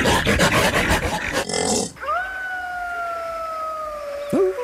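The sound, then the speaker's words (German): A Siberian wolf howls: a long, steady howl holding a single drawn-out note that slowly sinks in pitch, preceded by a couple of seconds of rough, noisy rustling and grunting. “Das ist aber, glaube ich, der sibirische Wolf, oder?”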